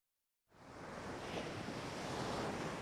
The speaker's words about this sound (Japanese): 海の方から生ぬるい風が吹いていた。